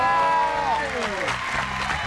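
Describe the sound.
A burst of applause from a group, steady and fairly loud for about two seconds, with a voice sliding downward in pitch over it at the start.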